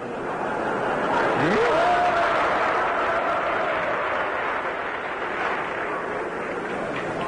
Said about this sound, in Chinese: 同志们这一鼓掌就是寒碜你呢。